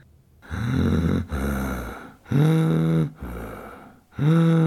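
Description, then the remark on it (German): Loud heavy breathing in a steady cycle of long, strained breaths, some voiced and rasping like gasps, alternating in and out about five times with no talking. “Den ganzen Tag lang atmen, atmen, atmen.”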